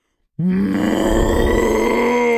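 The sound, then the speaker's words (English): A person does a loud, sustained imitation of a cow's moo, a deep, rough, groaning bellow that starts abruptly and holds steady for about two seconds. “That sounds like a cow crossed with a T-Rex.”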